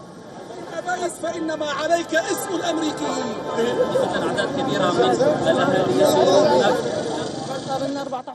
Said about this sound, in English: And shortly after the verdict became public, the Syrians gathered outside of the Damascus Justice Palace to celebrate with chants, applause and national flags.